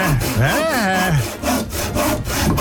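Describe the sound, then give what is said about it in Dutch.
A saw rasps back and forth through wood in steady, repeated, loud strokes, with a harsh scraping texture and rising and falling pitch on each pass. “40 knopjes geprobeerd en daar is hij dan, de zaag.”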